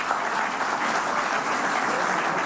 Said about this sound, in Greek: Θα μου επιτρέψετε όμως να κάνω ειδική αναφορά στον Υφυπουργό, τον Νίκο τον Ταχιάο, Και θέλω ένα χειροκρότημα για τον Νίκο, παρακαλώ. Έτσι.